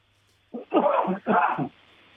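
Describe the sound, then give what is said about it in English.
A man, the speaker's father, coughs: a couple of short, rough coughs or throat-clearing bursts, distinct, sounding on their own over a faint low background hum. “No, that's my dad coughing.”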